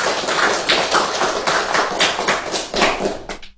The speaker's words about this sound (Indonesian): mari kita berikan tepuk tangan yang gemuruh.